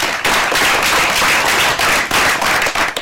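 Loud, dense applause from a crowd, many hands clapping in a steady crackling wash that holds strong for about three seconds, with no voices heard.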